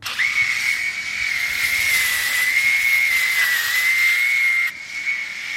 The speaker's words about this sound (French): Et tous les 3 jours, je m'arme de ma tondeuse et je les passe.